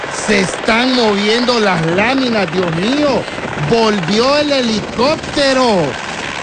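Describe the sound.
A helicopter landing on a terrace roars with a steady, heavy rumble of rotor and engine noise that fills the whole stretch, while a person exclaims loudly over it.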